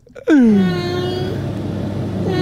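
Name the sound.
cat meowing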